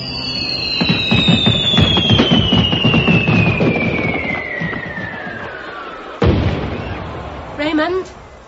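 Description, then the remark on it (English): Fireworks go off: long whistling rockets slide down in pitch over dense, rapid crackling pops, then one sharp, loud burst and a brief fizzing crackle near the end. “Start the fireworks. Get going. Light the touch papers.”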